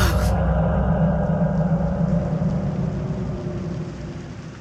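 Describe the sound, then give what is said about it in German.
Steady, dense rain patters and hisses continuously against a window alongside a low rumbling undertone, before slowly fading away toward the end. “Der Regen prasselte an das Fenster.”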